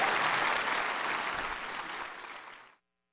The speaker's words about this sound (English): Give your president a big round of applause. There he is.